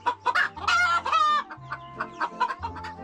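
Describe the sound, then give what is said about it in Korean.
Several chickens cluck and chatter in a busy, overlapping flurry as they eat their morning meal, with one drawn-out squawk rising above the rest, over a low steady hum in the background. “평화로운 아침 식사를 즐기는 닭들.”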